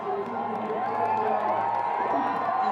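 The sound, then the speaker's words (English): A dense crowd cheers and shouts continuously and loudly, cheering on the South African bobsleigh team during a timed run, with overlapping voices forming a steady roar that holds throughout without pause. “The crowd cheering him on.”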